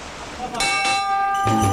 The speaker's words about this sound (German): Wenn diese Glocke erklingt, ist Weihnachtsmarkt am Alex. Die halbe Republik kommt jedes Jahr im Dezember ins Stadtzentrum zum größten Weihnachtsmarkt des Landes.